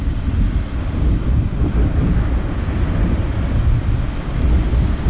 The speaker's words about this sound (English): You hear that? Storms are brewing.